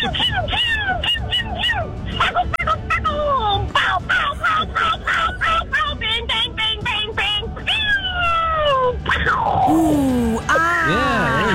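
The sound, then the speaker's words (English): A single voice imitates a fireworks display, a rapid run of whistling rising and falling sweeps and short popping bursts, ending in a few long descending whistles. “That sounds like the fuse, That's by the way. That's how it's starting.”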